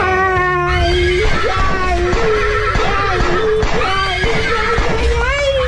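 A horse whinnies with shrill, wavering cries that rise and fall, set against a dense, continuous backdrop of other sound; the neighing is loud.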